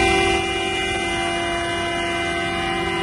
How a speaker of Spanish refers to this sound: Así suena hasta ahora la salida del parking de guaguas del aeropuerto de Tenerife Sur.